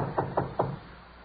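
Police officers knock three firm knocks on a fourth-floor door at 2:30 p.m., evenly spaced in quick succession, followed by quiet with a faint background hiss.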